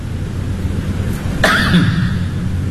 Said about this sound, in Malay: Batuk tu bukan setakat tutup mulut, cungkil gigi.